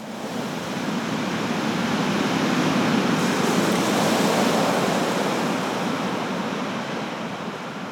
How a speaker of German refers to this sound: Heute lebe ich in der Wüste. Doch selbst hier kommt das Meer zu mir, wenn ich die Muschel an mein Ohr halte.